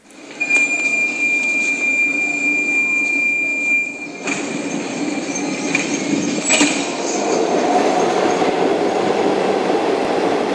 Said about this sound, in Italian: Ed eccoci ritornati di nuovo nella nostra metropolitana. Oramai sto più tempo nella metropolitana che fuori.